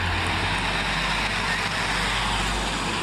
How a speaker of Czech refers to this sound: Tady je záznam. Přijíždí tramvaj. 26. Vinohradské hřbitovy.